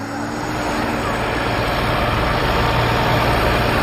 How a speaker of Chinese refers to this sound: 组织农机合作社的年轻人们开着拖拉机到地里。